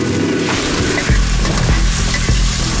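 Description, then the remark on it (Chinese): Loud stir-frying in a wok at night: beef, seafood and pork liver with assorted ingredients hiss and sizzle continuously while a utensil scrapes and tosses them in a steady rhythm of clanks, with no voices present. “牛肉、海鲜、猪肝下锅翻炒，搭配各式配料，无论是葱香干炒、酱香麻辣，高山流水都不在话下。”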